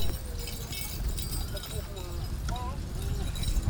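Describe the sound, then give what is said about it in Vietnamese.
Hooves of a horse pulling a carriage clip-clop along a familiar village road past sugar palm fields in spring sunshine, in an uneven, steady rhythm, with faint voices and outdoor ambience in the background. “Đó là cảm xúc được cầm cương, được nghe tiếng gió ngựa vang trên con đường quen thuộc, được sống lại một nhịp đời xưa cũ.”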